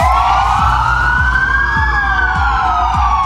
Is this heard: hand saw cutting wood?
no